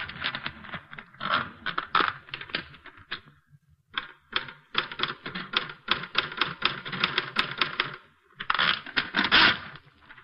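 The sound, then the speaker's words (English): Rapid clacking of manual typewriter keys in quick bursts, with a brief pause near the middle and another just before the end, fairly loud with no voices. “There's a typewriter.”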